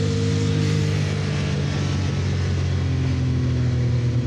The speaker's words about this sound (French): Ah, par contre, le turbo, on l'entend bien, hein. C'est pas le turbo, hein. C'est les deux turbos. Il faut savoir que cette 962C est équipée d'un moteur 6 cylindres, 2 litres 8, biturbo.